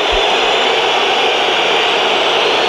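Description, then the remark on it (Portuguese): A stadium crowd at a Sporting match whistles loudly and continuously at Rafael Leão as he enters the field in the second half, merging into a dense, hissing roar that holds steady without a break and drowns out any other sound. “Entra em campo Rafael Leão e é um gol de assobios para um jogador que saiu a mal com o Sporting em 2018, com 19 anos, e é agora altamente assobiado”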